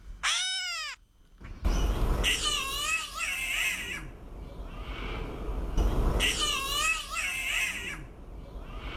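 A catbird gives harsh, mewing calls that sound much like a distressed cat: a sharp descending series of notes, then two bursts of wavering, nasal squalls over a steady background hiss.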